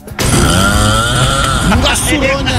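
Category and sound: human body sound, loud snoring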